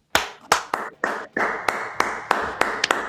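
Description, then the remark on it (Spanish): Steady, rhythmic hand clapping, about ten sharp claps over three seconds, with a continuous wash of applause filling the gaps between them. No voices are heard. “Me sumo a los aplausos”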